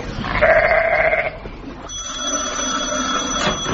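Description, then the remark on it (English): A single loud, wavering sheep bleat lasting about a second, followed by a steady background hum with a faint high-pitched whine. “Now, look here, you sheep. Don't you go shaking those tin helmets off.”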